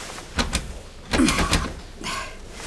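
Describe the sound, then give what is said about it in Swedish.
The handle of a boss's locked office door is rattled and tugged several times in a few quick clattering bursts, with metallic clunks as the door refuses to open, with no one speaking. “Och dörren är låst.”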